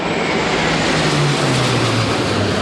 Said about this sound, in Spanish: Por aire, tres cazas F-18 y dos aviones A-400 de la base aérea de Zaragoza han sobrevolado este mediodía la plaza, llegando por la calle Alfonso.